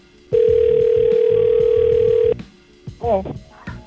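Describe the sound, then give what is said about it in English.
A telephone dial tone hums for about two seconds, as a radio host at 94.3 The Goat calls a contest winner: a loud, steady, mid-pitched tone over a low background bed, cutting off abruptly before a brief stretch of voice follows. “But let's give another winner a call.”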